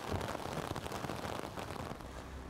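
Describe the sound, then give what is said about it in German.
Hail pelts down on a sailing schooner on the Greifswalder Bodden, Germany, in June, in a dense, continuous clatter of countless tiny impacts, loud, with a low rumbling undertone toward the end and no voices. “Hagel mitten im Juni im Greifswalder Bodden.”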